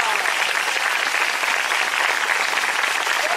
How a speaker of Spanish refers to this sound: ¡A su nombre! Un fuerte aplauso al Señor, iglesia, no se ve.